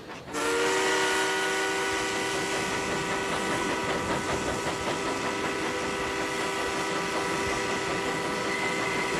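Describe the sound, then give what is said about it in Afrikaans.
A steam train rumbles along the rails with a steady rhythmic chugging, while a loud, sustained whistle tone rings over it for nearly the whole stretch. No one speaks. “Vierkus, stoom, wiele, spore, Chaka chaka chaka.”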